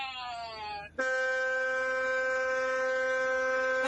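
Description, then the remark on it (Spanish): A friendly trucker's air horn blares loudly as travellers arrive at Nuevo Torino, near Humboldt. A first blast slides slightly downward in pitch. After a brief break, a steady, brassy, harmonic-rich blast holds for about three seconds. “Y si lo dejamos, le pega de largo, ¿no? Con la bocina.”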